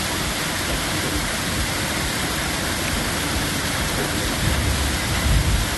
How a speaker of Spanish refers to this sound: a ver cómo está cayendo granizo ahí en la zona de Coronel Olmedo. A ver. Ah, no es un granizo grande, ¿eh? Bueno, sí, más o menos. Este aguacero, loco.